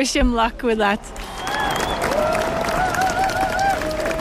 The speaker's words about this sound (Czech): Jenom dozněl potlesk a dav se rychle rozpouští.